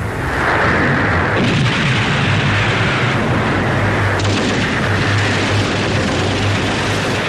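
Loud, dense battlefield din of the Battle of Xiang River on 1 December 1934, across both banks of the Xiang River: rapid overlapping gunfire crackles over a steady rumble of artillery booms, continuous throughout with no pauses and no voices.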